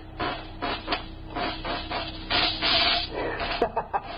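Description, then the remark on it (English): A mechanical robot cat device for catching mice starts up with a rasping, whirring motor noise in uneven bursts, swelling louder midway, then a few sharp clicks and clatters at the end. No one speaks. “Show us how this mechanical mouse catcher operates.”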